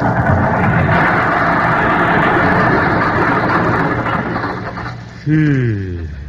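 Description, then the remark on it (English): An old car's engine struggles and sputters in a dense, steady rumble for several seconds as the car turns into a driveway heading for the garage, ending in a loud, wavering, coughing groan that sounds vocally produced, with no speech. “Yet that's where we find him today, just turning into his driveway and heading for the garage. Something seems to be amiss, and it sounds like the motor.”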